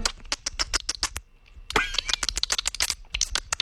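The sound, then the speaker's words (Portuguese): A man imitates dolphin sounds with his mouth: rapid trains of sharp, loud clicks, a short pause, then a brief high squeaky whistle before the clicking chatter resumes. “Aí ele tá fazendo o barulho do golfinho com a boca, gente.”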